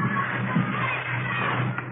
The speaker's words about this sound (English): You start in the schoolyard like those kids down there, running around, yelling.